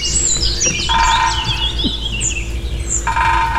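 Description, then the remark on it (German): A woodpecker drums in the morning in rapid, ringing bursts against a house facade or rain gutter, two long rolls separated by a brief pause, with birds chirping and tweeting throughout in the background. “So bis 9 und dann hämmert der lautstark gegen Hausfassaden oder gegen Dachrinnen immer wieder.”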